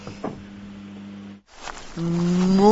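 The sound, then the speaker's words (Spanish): A cow, Margarita, the most-followed influencer cow in Uruguay, moos twice: a steady low bellow, a brief pause, then a louder, rising moo that swells toward the end. No one speaks. “Soy Margarita, la vaca influencer más seguida del Uruguay.”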